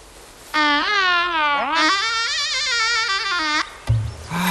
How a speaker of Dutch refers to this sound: Oef, wat een lelijke klank. Die fluit, fluitmank. Ja, ik heb hem van die valse toverkool. Ze zei ik wil hem kwijt. Doe me een lol. Ik zal hem moeten stemmen. De fluit weer even temmen.